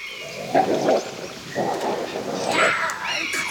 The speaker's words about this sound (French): Ouh là là! On dirait que ça va barder dans ce coin de forêt. Approchons avec prudence pour voir ce qui se passe. Oh, Mazette, des loups! L'affrontement de deux fauves se prépare.